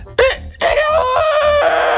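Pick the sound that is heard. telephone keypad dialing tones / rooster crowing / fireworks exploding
rooster crowing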